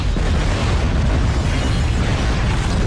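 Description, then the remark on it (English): A massive ship crashes into a rock, shatters and violently explodes: a loud explosion roars without letup, a dense wall of booming, crackling noise heavy in deep rumble that holds steady for about three seconds, with no voices. “the massive ship careened wildly down the hill for hundreds of meters, still gaining speed before colliding with a rock, gaining air before crumpling, shattering, spinning over itself into a ball of a million splinters that then violently exploded.”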